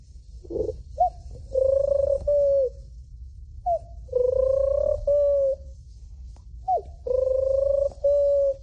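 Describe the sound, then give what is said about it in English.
A 12-year-old boy's voice imitates pigeon cooing: three evenly spaced phrases, each a short throaty lead-in followed by longer, smooth rolling coos, with no other talking. “And the pigeon.”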